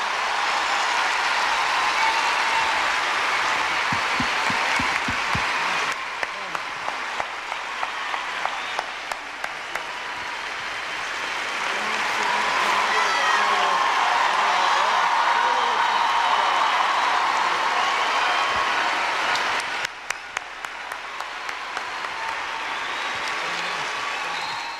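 Sustained applause from a large audience for the two artists Hernán Piquín and Dayana Chorni, a dense wash of many hands clapping that swells and ebbs over about twenty-five seconds, with a few brief dips and scattered cheers.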